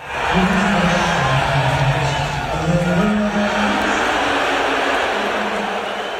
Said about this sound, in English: when Trump showed on the Jumbotron during the national anthem, they booed louder than they did when the Spurs came on the court